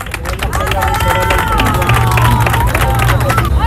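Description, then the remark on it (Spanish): A crowd at the port of Ceuta applauds and cheers in a steady, loud roar, bidding farewell to 60 Andalusian boats that came in solidarity, with raised voices and shouts rising over dense clapping and a low rumble throughout. “Ceuta ha despedido entre aplausos y vivas a los 60 barcos andaluces llegados al puerto ceutí en solidaridad con la ciudad autónoma.”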